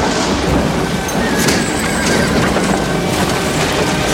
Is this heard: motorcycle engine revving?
no